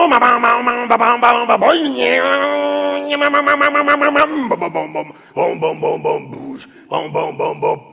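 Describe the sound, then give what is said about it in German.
A voice imitates a two-stroke chainsaw, buzzing with rapid sputtering pulses, rising into a steady high whine, then dropping to a choppy idle of short bursts. No spoken words. “Das war die Zweitakter-Kettensäge.”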